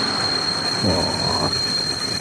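A train rumbles with a steady, loud mechanical roar and a thin high-pitched squeal running throughout, as metal wheels grind along the rails during braking; no voices are heard.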